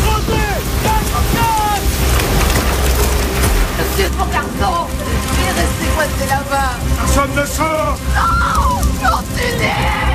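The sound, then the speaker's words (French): A fierce storm roars steadily, with heavy driving rain, thunder and howling wind filling the whole scene, while anxious voices shout and cry out through the din. “J'ai vu des tempêtes dans ma vie, mais comme ça jamais.”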